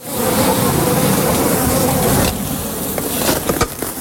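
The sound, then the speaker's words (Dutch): Yellow-legged hornets and bees buzz around wooden beehives in an inner garden in Zierikzee, a dense, continuous drone that softens a little midway, followed by a few brief knocks and rustles. “En een soort grote wespachtige beesten vliegen eromheen.”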